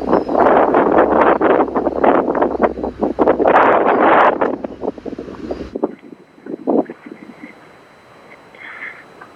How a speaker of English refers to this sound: I'm actually kind of hiding now behind a palm tree to get out of the wind. It's quite incessant.